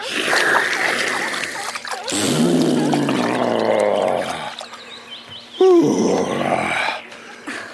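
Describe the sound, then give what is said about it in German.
The elephant Benjamin takes water into its trunk and pours it over its back in several gushing bursts, accompanied by low, rumbling groans of contentment that rise and fall between the pours. “Und noch ein Schlückchen in den Rüssel und dann über den Rücken gießen.”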